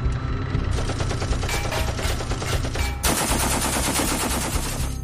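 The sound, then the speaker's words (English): Sustained machine-gun fire from a soldier shooting explosive bullets at a tank, a rapid, continuous stream of loud, sharp cracks with dense rattling bursts that barely pause across the whole stretch, with no voices. “Armed with his machine gun, Fabien is facing the monster alone. He desperately fires at it in order to stop it.”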